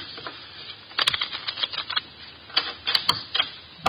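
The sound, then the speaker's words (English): A deck of playing cards is shuffled before dealing a hand of poker, with two quick bursts of crisp, rapid flicking riffles separated by a short pause and softer rustling in between. “The cards are shuffled.”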